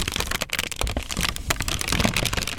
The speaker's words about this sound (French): Et vous, chers auditeurs et auditrices, quelle aurait été votre histoire à partir de ces sons de papier?